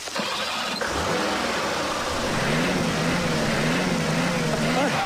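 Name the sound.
car engine revving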